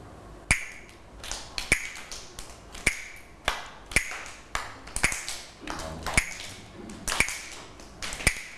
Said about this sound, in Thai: เดี๋ยวเรามาฟังจังหวะที่คุณครูเคาะกันเลยนะคะเดี๋ยวเด็กๆฟังนะแล้วก็ปรบมือตามจังหวะที่คุณครูเคาะนะคะแล้วเดี๋ยวบอกคุณครูว่าคือจังหวะอะไร